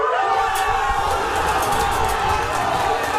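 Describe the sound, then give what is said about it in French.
A huge crowd in Casablanca, Morocco, erupts in sustained cheering at the 21st minute of a Morocco national team match, a dense wall of shouting voices at steady loudness, with bright whistles and high cries flickering on top throughout. “Casablanca retient son souffle. Et puis, c'est l'explosion à la 21e minute.”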